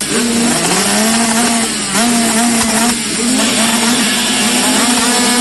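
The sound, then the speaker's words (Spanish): Loud motorcycle engines of the Enduro Cross entrerriano championship at the La Tijereta MX circuit in Nogoyá roar steadily, their pitch rising and dipping as they rev and ease off in waves, with no talking over the constant mechanical drone. “Este 11 y 12 de julio vuelve el rugir de los motores a Nogoyá.”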